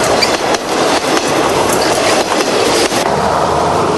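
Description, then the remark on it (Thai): Loud, steady rumble and clatter of a train rolling over a bridge across a river that flows through the capital of Vietnam, taking several minutes to cross, with regular rhythmic clunks from wheels crossing rail joints. No voices. “เวลาหลายนาทีกว่ารถไฟจะข้ามพ้นสะพานแห่งนี”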